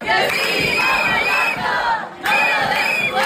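A large crowd of protesters marching through the streets of Sóller, Mallorca, against tourist overcrowding chants and shouts together in a loud, sustained roar, voices rising in rhythmic waves with a brief dip before the chanting surges again.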